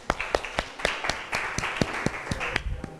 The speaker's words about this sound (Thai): ขอเสียงปรบมือดังๆเป็นกำลังใจให้เพื่อนของเราหน่อยค่ะ